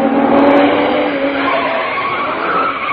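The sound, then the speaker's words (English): A voice imitates an approaching car with a loud, steady, buzzing engine drone that holds for about three seconds, with a faint tire-squeal edge and no pauses or other talk. “Just for that, I shall do an impersonation of a car approaching.”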